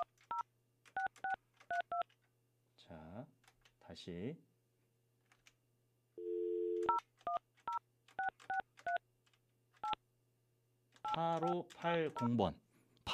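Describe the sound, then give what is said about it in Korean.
Telephone keypad dialing tones as a call is placed to quiz participant number 8580: rapid bursts of short, clear beeps punched in quick succession, broken by a brief steady tone and a few spoken words, with a voice talking near the end. “8580번님께 전화합니다.”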